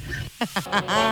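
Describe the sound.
The raspy cartoon voice of Donald Duck quacks out a quick run of short, nasal bursts that stretch into a longer squawky phrase, fairly loud, in a conversation with Guru Guru.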